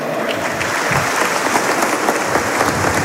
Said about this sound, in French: Alors, c'est une minute d'applaudissement ici à Armand Cesar, le Sporting Club de Bastia, qui donc, dans quelques minutes, va affronter cette équipe de Cannes dans un match